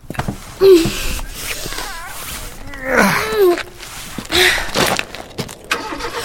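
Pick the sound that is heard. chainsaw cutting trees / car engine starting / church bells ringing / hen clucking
car engine starting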